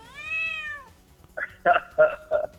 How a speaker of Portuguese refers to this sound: É esse o gato?